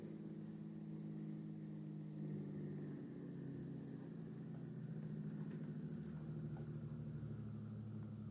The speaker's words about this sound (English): Oh, but there's a car down there. They must be in it.